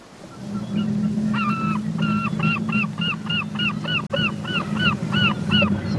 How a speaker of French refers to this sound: Alors ça, ce sont donc d'authentiques mouettes norvégiennes. Vous voyez, elles arrivent à couvrir le bruit des bateaux.